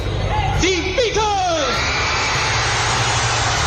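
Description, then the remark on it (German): A loud, dense roar of fans screaming at a 1966 concert in Germany, with several shrill, rising and falling shrieks standing out early on before blending into a continuous wall of high-pitched screaming. “Das Gekreische, es war so stark, dass man nachher von der Musik nicht mehr viel hören konnte.”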